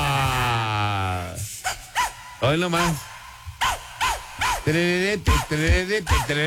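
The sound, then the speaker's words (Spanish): Bouncy dance track with a string of short, loud dog-like barks repeating in a quick rhythmic pattern, after a brief spoken line at the start. “Al tema, vamos a poner esta rola. La es ….”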